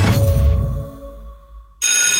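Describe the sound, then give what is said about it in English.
A school bell rings loudly in one bright, metallic burst, signalling children on the move at school pick-up or drop-off time, its high tones hanging and slowly fading before the sound cuts off abruptly into a different noise. No one speaks. “That bell means little feet are on the move.”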